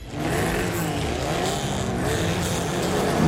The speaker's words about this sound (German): Wenn heute Mittag in Neuruppin Motoren aufheulen, Reifen quietschen und Staub durch die Luft fliegt, dann ist wieder Fontane Rally.